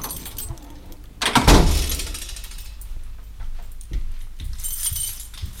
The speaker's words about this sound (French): ouvre la porte de la radio.